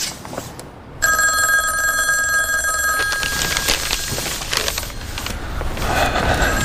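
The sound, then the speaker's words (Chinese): An old-style telephone bell rings loudly and steadily for about two seconds, its bright metallic trill cutting off abruptly into a noisy, rumbling background. “我们要不要给挂叶台打个电话？”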